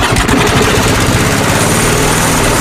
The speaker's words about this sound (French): Marre de tondre ? Tondeuse des 299 euros.